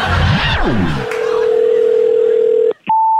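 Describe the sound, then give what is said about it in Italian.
A brief voice gives way to a steady, continuous telephone dial tone, followed by a click and a higher, clear electronic tone, like a line left open after a call ends. “Ma scusi, mi ha buttato giù il telefono?”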